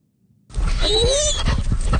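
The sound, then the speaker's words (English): Dogs whine and whimper in high, sliding cries over a steady rush of breathing and panting while being walked on a sunny morning at Point Pleasant Park. The sounds run continuously for about a second and a half, with no talking. “We're enjoying an absolutely spectacular sunny morning walking the dogs at Point Pleasant Park,”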